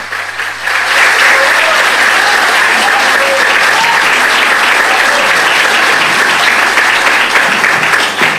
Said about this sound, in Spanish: ¿Quiere ir al atril? Venga, venga, bueno. Vamos a aplaudirlo mientras llega aquí al atril.